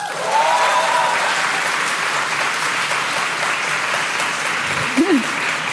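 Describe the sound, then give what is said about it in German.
A crowd claps steadily, a dense, even wash of applause lasting several seconds at a constant loud level, as audience members clap to show they identify as Millennials, with a faint voice briefly audible near the end. “Aber wir fragen mal kurz, und zwar, ich würde gerne in Form von Applaus das Publikum fragen. Es klatsche doch bitte einmal laut, wer sich hier auch als Millennial identifiziert.”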